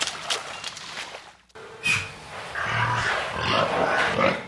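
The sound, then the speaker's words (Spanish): Pigs grunt and squeal in a noisy shed of an industrial pig farm in Yucatán, Mexico, holding at least 49,000 pigs, a dense chorus of many animals, with a brief drop in the din before the squealing swells again. “Las granjas de Quequén no son ranchitos para autoconsumo de familias campesinas, sino enormes galerones con al menos 49.000 cerdos cada uno”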